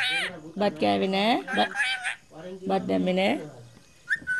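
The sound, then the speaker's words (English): Chuti, a pet parrot on her perch on a balcony in Dambagula village, Sri Lanka, squawks for rice in two long bursts of loud, nasal, wavering calls that sound almost like a strained voice, followed by a short high chirp. “Chuti the parrot demands rice from her perch on a balcony in Dambagula village.”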